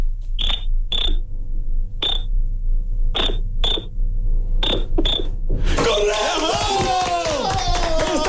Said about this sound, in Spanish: Me dicen que necesitamos hacerlo en clave Morse. Que hagas 2 cortos, 1 largo, 2 cortos.